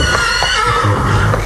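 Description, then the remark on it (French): Horses pulling a chariot whinny loudly and shrilly over a dense rumbling background as they bolt, the cries rising in quick succession. “Maître, attention, les chevaux s'emballent.”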